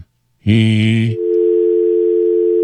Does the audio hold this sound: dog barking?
no